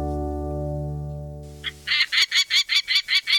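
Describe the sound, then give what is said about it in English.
A peregrine falcon gives a rapid run of about eight harsh, scratchy calls in a steady rhythm, loud, after a low humming tone fades out. “Peregrine falcons like this one typically fly between 35 to 60 miles per hour, but they can reach over 200 miles per hour during a dive.”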